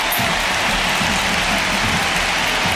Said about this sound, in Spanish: La primera sustituida es Graham Hansen, que se lleva esta ovación. Y Claudia Pina, escuchamos el Camp Nou.